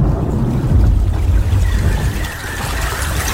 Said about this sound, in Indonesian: Teriakan penyesalan Dedap tenggelam dalam gemuruh suara petir dan gulungan ombak yang dahsyat.